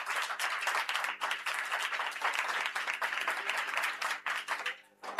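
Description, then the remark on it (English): A crowd at a school quiz claps for the correct answer, Economic and Financial Crimes Commission, in a dense, continuous burst of applause that stays loud for about five seconds before thinning out briefly near the end. “Yes, a round of applause for that.”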